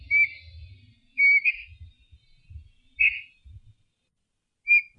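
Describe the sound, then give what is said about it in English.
A New Zealand storm petrel calls in four short, high, whistle-like chirps spaced irregularly, some with a brief rising trill, over soft low thumping and rumble. No one speaks. “The New Zealand Storm Petrel.”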